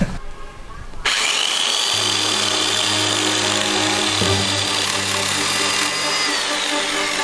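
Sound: electric saw running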